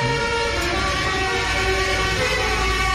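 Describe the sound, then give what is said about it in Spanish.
A loud musical car horn blares a short melody, its brassy tones stepping between pitches in a steady run of notes over a low engine rumble. “Bocinas alegóricas como esto que vamos a escuchar ahora, que como la cucaracha, por ejemplo.”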